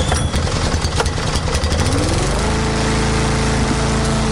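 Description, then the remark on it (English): Someone mowing outside the Yass FM radio studio: a lawn mower engine buzzes loudly and steadily, its motor revving roughly at first before settling into a constant droning hum, with no voices present. “Buzzing noise. Is somebody out there mowing?”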